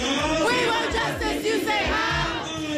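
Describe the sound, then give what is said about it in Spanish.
Dozens of neighbors in a street shouting together in protest as they block an ICE vehicle: a dense, continuous roar of overlapping raised voices with rising and falling cries and heavy low thumps underneath. “Y es que en la calle decenas de vecinos llegaban a bloquear uno de los vehículos de la ICE tras este incidente entre gritos y protestas.”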